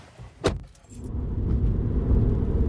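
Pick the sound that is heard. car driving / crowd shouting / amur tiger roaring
car driving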